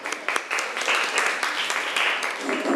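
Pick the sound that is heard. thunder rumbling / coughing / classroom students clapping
classroom students clapping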